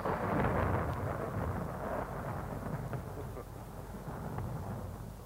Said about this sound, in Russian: На дворе гроза собирается.